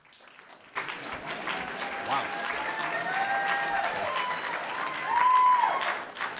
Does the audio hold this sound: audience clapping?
yes